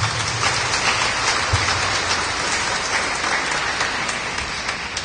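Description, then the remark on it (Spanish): An audience claps hands for Christ Jesus in a steady, dense burst of applause lasting several seconds, loud and even throughout with no voices over it. “Demos palmas a Cristo Jesús.”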